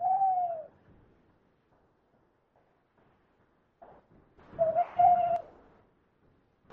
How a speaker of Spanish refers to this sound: Es la 1 de la madrugada y nos ha despertado el canto de un búho que se nos ha plantado aquí encima.